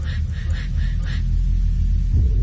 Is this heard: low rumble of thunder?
yes